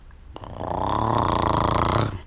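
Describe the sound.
A voice lightly imitates a bumblebee after a deep breath, a low, steady buzzing hum that swells slightly and holds for about two seconds, rough and nasal, with no words spoken.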